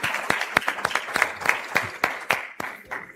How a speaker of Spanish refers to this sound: Un aplauso para la Copa Paceña 2026.